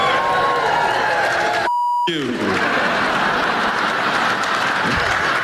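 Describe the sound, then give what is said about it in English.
A loud crowd cheers and claps continuously, filling the whole stretch, while a short electronic bleep tone cuts in partway through. “Yeah, you cheer, but I don't think you realize how that makes me feel.”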